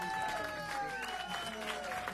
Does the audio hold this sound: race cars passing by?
no